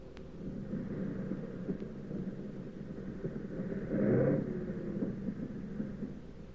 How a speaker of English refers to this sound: But we came in okay, with one engine sputtering and the fuselage full of holes.